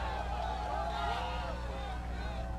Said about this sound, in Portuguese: Olha a torcida, o time do Santa Fé levantando o troféu de campeão e grita junto com a torcida. É o campeão.